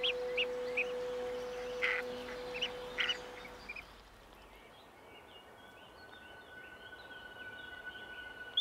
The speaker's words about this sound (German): Eine neue Generation von Gänsesägern ist bereit zu schlüpfen. Die Geschwister stehen schon seit einiger Zeit miteinander in Rufkontakt. Sie piepsen im geschlossenen Ei. So synchronisieren sie sich, damit alle fast gleichzeitig aus dem Ei krabbeln.